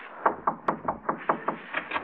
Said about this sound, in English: Go in that vestibule and knock on the door.